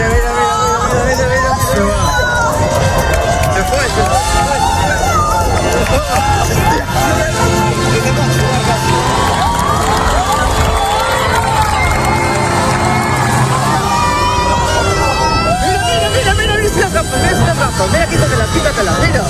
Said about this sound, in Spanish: Pues aplausos, lágrimas, incluso pues el asombro de la gente ante una belleza inquietante, podríamos decir casi alienígena. Escuchábamos los gritos de esas personas en la Torre de Hércules, en La Coruña, también en la playa de Salou